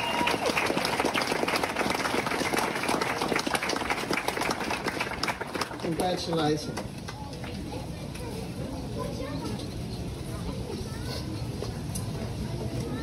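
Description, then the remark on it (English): An audience at a staff milestone ceremony marking the beginning of NAIDOC Week claps for Kate Adamson, loudly in a dense, steady burst for about six seconds, then the applause thins into a quieter background of murmuring voices. “And the last one can't be here with us today, but can we all clap for Kate Adamson, who's been here?”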